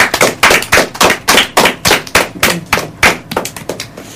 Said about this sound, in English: You all have done wonderfully, and I would like you to give yourself a round of applause.